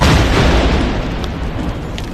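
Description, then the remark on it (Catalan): A loud, heavy boom from the Guardia Civil's controlled detonation, in a quarry, of 63 Spanish Civil War projectiles found in Villores, Els Ports, a deep low rumble that stays strong and slowly rolls off over two seconds, with no voices. “I la Guàrdia Civil ha fet explotar 63 projectils de la Guerra Civil localitzats a Villores, als ports.”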